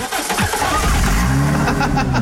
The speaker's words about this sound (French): Le fameux, oh, il me saoule ce start and stop, fatigue. Le start and stop, s'il pouvait parler, il dirait quoi ?